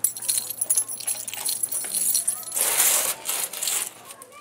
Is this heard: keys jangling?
yes